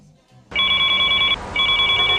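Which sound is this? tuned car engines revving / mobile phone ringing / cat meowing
mobile phone ringing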